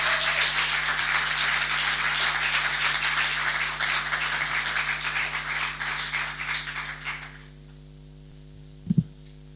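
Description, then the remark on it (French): A crowd at la Factory applauds an author steadily for about seven seconds before the clapping dies away, leaving a low electrical hum and one soft thump near the end. “Donc je vous le conseille, je vais lui donner la parole immédiatement, si vous pouvez applaudir.”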